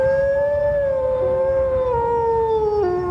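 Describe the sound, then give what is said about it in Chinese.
Arctic wolves of a pack howl, calling loudly for their departed leader to return, in long, sustained tones that slowly slide downward in pitch, with overlapping voices forming a mournful chorus over a low, rumbling background. “然而他走了，北极狼群失去了经验丰富的首领。”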